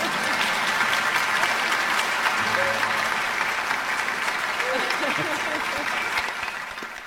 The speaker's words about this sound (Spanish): Aplaudan, no hay problema.